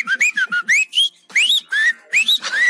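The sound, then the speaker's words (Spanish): A person whistles a lively imitation of a goldfinch's song, a rapid series of chirping, rising and falling notes in short bursts with brief pauses, fairly loud, no talking. “Ese es un jilguerillo que los chifla.”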